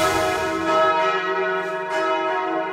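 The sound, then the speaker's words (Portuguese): The bells of the National Basilica of Aparecida, Brazil, ring out loud and resonant, their rich overlapping tones sustaining and shimmering together, with a fresh strike near the end renewing the sound; no voices. “E nesse momento, gente, nós estamos ouvindo os sinos da Basílica Nacional de Aparecida do Norte.”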